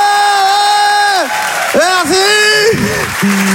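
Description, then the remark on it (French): A comedy audience cheers loudly in answer to a comedian asking who thinks his haircut is awful, with long held whoops and shouts that rise and fall in pitch across a few seconds, dipping briefly between bursts before picking up again. “Par applaudissement, qui trouve que j'ai une coupe de merde.”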